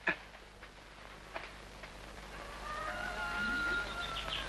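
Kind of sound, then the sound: animal, rooster crowing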